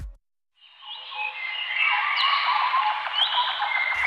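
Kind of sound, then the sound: bird, birdsong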